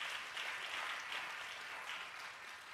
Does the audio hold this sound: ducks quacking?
no